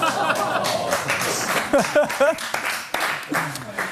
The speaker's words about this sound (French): C'est le premier applaudissement de notre histoire ici. Je suis tellement ému. C'est trop beau.